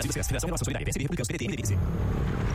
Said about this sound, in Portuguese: Amor, ouviu essa moto? Deve ser um entregador. Mas a gente não pediu nada.